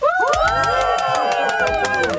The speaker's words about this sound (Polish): I to nie jest tak, że ja sobie jakiś dźwięk ustawiłem z oklaskami i z brawami, to są słuchacze Trójki. Nie, jesteśmy tutaj! O, właśnie! To są słuchacze Trójki